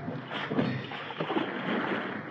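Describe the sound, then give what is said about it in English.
Water sloshes and splashes steadily as a lifeboat is rowed with oars, a continuous wash of rowing noise with no voices. “Row for your lives. We've got to get away from this boat.”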